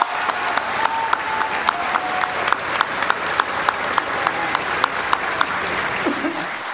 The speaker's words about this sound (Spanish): y en todas partes ha recibido el reconocimiento y cariño de nuestra gente por su capacidad y entrega al servicio de México, y hoy aquí se lo reiteramos con un gran aplauso. ¡Bravo! ¡Bravo!